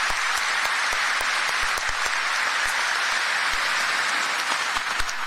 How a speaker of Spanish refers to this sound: Por eso decimos feliz día de la juventud y un aplauso para todos nuestros jóvenes, ¿verdad? Se merecen.